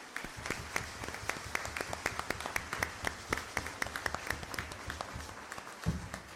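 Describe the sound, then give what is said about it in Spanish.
People clap steadily, many sharp overlapping hand claps forming dense, continuous applause, with no speech over it. “Démosle nuevamente un fuerte aplauso.”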